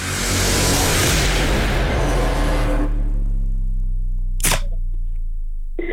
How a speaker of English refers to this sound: Oh, the car's going past.